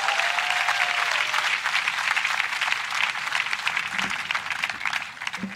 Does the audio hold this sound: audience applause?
yes